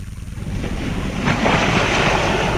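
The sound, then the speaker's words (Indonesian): Ocean waves wash and break onshore at a beach in a steady, rushing roar that swells louder after a moment, with gusts of wind buffeting the microphone and no one speaking. “Kamu sudah sering ke pantai ini?”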